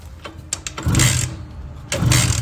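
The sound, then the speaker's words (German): A Simson S51 moped engine starting as the key is turned: a few sharp mechanical clicks, then two loud bursts of buzzing, sputtering motor noise, the second one catching and running to the end. No one speaks. “Die Susanne, die hat nämlich die Simson S51 gewonnen.”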